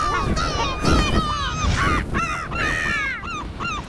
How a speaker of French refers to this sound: Le goéland s'élance en criant.